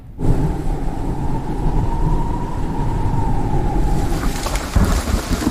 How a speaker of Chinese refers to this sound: 哎呀，这咋还突然下雨呢？